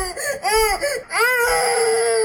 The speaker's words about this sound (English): Like what people say overall, people agree. These are the worst sound, the baby crying.